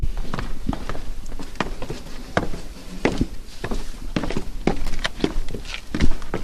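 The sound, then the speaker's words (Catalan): Footsteps descending into the crypt of an 11th-century church, a steady series of hard, echoing steps on stone at walking pace, with a low reverberant hum underneath and no talking. “Doncs baixem a la cripta, passes davant.”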